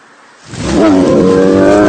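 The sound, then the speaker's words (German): A bear in the woods lets out a loud, deep roar that swells in after a quiet moment and holds steady, rumbling with harsh growling tones, with no one speaking. “Ein Bär!”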